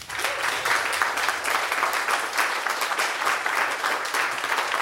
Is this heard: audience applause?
yes